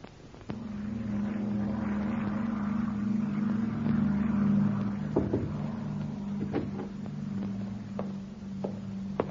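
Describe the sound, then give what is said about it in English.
An airplane from Lisbon taxis in after arriving in England, its engine starting up abruptly into a steady, loud, low droning hum with a few faint clicks and knocks over the top. No one speaks. “The plane is in, sir, and here is the passenger list.”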